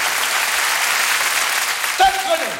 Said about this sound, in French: Mesdames et messieurs, improvisation avec Muriel Robin, première. On l'applaudit pour l'encourager.